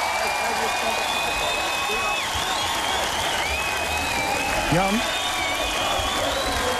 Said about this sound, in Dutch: klappen voor, hoor je dat?